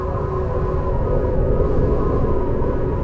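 Wind blows steadily throughout, a loud, continuous low rumble with a hollow, roaring quality and little variation, with no voices.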